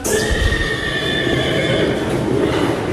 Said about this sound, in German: Dann ist die Stimme von dem Pferd zu hören.